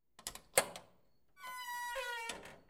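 A door is opened: a few sharp clicks and a thunk from the latch, then a drawn-out, high, whining creak as it swings. No one speaks.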